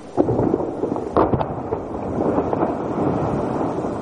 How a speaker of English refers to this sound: It's actually a glacier calving. Humongous chunks of ice are breaking off the glacier and cascading into the ocean. And the rain-like sound is waves.